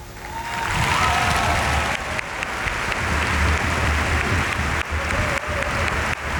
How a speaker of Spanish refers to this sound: Aplaudéis, Pere Romeu.